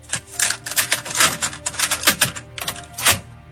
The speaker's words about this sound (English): I think it's a cassette. Because that shut to me. I think it's a cassette.